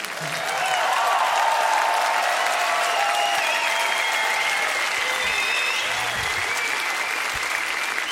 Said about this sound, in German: Ein extra Applaus für die tolle Band heute Abend.